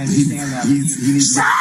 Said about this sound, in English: So you can hear the screaming going on here.